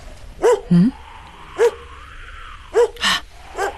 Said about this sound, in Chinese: 院子里真的有动静。 是啊，狗叫的这么凶，我得去看看。